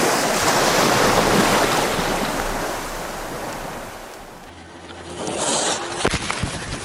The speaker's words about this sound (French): Vous entendez le bruit des vagues? Ouais, bah ça tombe bien, moi aussi.